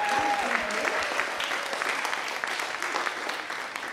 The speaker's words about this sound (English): Before I begin, a very loud applause, please, for these two amazing...